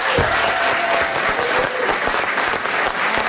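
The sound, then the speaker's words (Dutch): A crowd gives a standing ovation at a prize presentation for author Tine Hens, steady and loud, dense overlapping clapping that holds an even intensity for the full few seconds with no talk. “Vandaar onze staande ovatie voor Tine Hens.”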